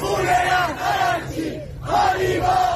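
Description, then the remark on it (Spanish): A large crowd of supporters of the Iranian regime shouts slogans in unison on a Saturday, chanting 'what about the blood of my leader?', with loud rhythmic bursts separated by a brief lull, many voices blending into a sustained roar. “¿qué hay de la sangre de mi líder?, gritaban este sábado los más afines al régimen.”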